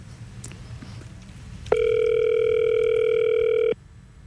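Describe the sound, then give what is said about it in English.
A single steady telephone ringback tone from an outgoing call placed live from a studio in Sydney sounds for about two seconds, clear and fairly loud over a quiet background hum, then cuts off abruptly. No one speaks. “We'll ring him live so we'll surprise him.”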